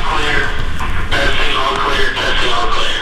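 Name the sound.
intercom system being tested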